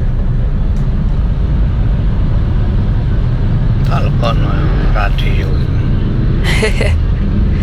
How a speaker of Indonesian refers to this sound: Truk gandeng. Oke, traffic sudah mulai melambat tentunya ya, apalagi posisi di gadang.